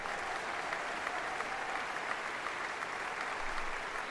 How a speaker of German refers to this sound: Unterdessen, das hören Sie, brandet der Beifall hier im Saal immer wieder auf und die Dirigentin Karina Kanellakis strahlt. Ein verdienter Dank des Publikums für ein großartiges und berührendes Konzert.